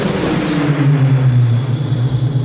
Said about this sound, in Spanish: Van en un coche rosa por las calles oscuras.